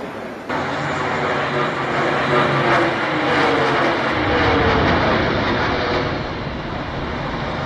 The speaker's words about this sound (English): Their cameras capturing what no one else did. They witnessed the plane hit the North Tower. And we're going to show you that moment, but a warning, of course, it is disturbing.